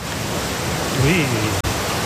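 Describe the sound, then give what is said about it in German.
A loud, steady rush of churning water from an artificial surfing wave on a lake in North Rhine-Westphalia, Germany, with people surfing on it, continuous, with a brief voice rising faintly midway through. “Aber es gibt zum Beispiel, das ist einzigartig in NRW, in einem See, hier kannst du surfen. Ich habe euch die Welle mal mitgebracht, hört mal.”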